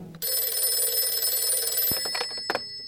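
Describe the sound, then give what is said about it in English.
A telephone rings loudly at night, a sustained metallic bell trill that breaks off into a few short, stuttering rings. No one speaks. “And the next thing I knew, I was wakened by the phone ringing.”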